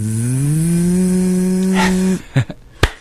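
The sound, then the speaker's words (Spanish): A man's voice imitates a buzzing mosquito with a steady, nasal drone that rises slightly in pitch and holds for about two seconds, then cuts off, followed by a few short clicks and taps. “¿Y eso qué es? ¿Un mosquito?”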